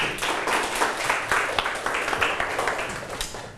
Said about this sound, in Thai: ปรบมือให้ตนเองลูก